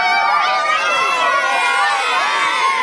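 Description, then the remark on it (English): Thousands of fans roar and cheer continuously at a Brisbane homecoming for the three-peat premiers, the Brisbane Lions, at River stage, a dense wash of many voices with high-pitched shrieks and shouts rising and falling throughout, loud and sustained with no pause. “Thousands roaring to catch a glimpse of their three-peat heroes.”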